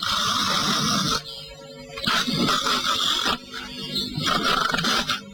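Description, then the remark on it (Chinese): A voice imitates loud, rolling snoring, three long rattling snores separated by short breathy pauses, with no talking around them. “因此老太太带着俩老妈奔新房就来了，离多远就听见了鼾声如雷呀、啊。”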